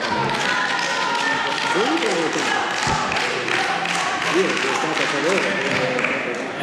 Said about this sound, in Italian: Dopo l'applauso possiamo andare avanti.